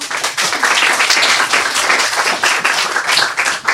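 A group of people claps steadily for several seconds for a boy about to present his raindrop story. It is a dense, even wash of applause with no voices over it.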